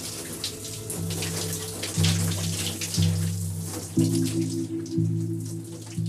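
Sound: shower water running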